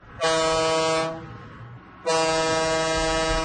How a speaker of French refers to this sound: Si vous étiez là hier matin, vous reconnaissez notre maintenant traditionnelle sirène de bateau qui annonce le concours de la fête du Lac des Nations.